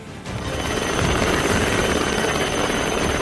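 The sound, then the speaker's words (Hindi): A Coast Guard helicopter's rotor roars loudly and steadily while airlifting fishermen stranded at sea from a sinking boat off Navsari, Gujarat, its rapid rhythmic chopping layered over a dense wash of engine and wind noise, with no voices. “समंदर में एक नाव के डूबने की स्थिति में होने की जानकारी मिलने पर कोस्ट गार्ड ने तत्काल हेलीकॉप्टर के जरिए रेस्क्यू ऑपरेशन शुरू किया”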